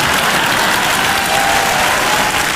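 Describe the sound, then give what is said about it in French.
An audience claps steadily for a speaker, a dense, even wash of applause holding at a constant loud level throughout with no voices over it. “Attends, parce que les gens m'applaudissent.”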